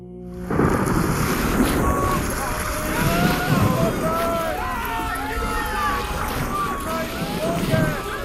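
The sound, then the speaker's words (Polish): Howling hurricane wind and a heavy, continuous roar of crashing sea waves start abruptly and stay loud throughout, with muffled, indistinct voices faintly beneath the gale. “Boże żywiołów morskich, uczyń coś, aby przeminął w końcu ten huragan i uśmierzyły się złowrogie fale, które z dna piekieł wznoszą się pod niebo!”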